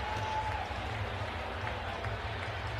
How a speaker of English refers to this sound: Stunned crowd here in Pittsburgh cannot believe it.